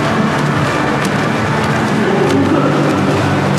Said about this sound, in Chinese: 比赛开始了，大学一组男子五十米仰泳的决赛。我们可以听到现场的这个空气声啊，运动员啊，滑笔、打水的声音噼啪啪的，可讲竞争程度是相当的激烈。